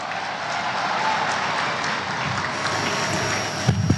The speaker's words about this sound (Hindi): और आज नमो फॉर विकसित भारत वडोदरा से मैं भारत सरकार के माननीय रेल मंत्री श्री अश्विनी वैष्णव जी से नम्र निवेदन करूंगी स्वागत उद्बोधन के लिए। जोरदार तालियां।